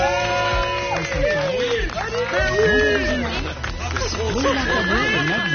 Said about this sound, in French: Rarement Daniel Pénac a été autant applaudi en son absence.